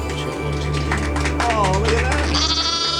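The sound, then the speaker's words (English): A person imitates a sheep, giving a loud, nasal bleat that wavers and trembles in pitch for a couple of seconds, with a low steady hum underneath. “You don't have to do it, but I'm going to do it as a sheep.”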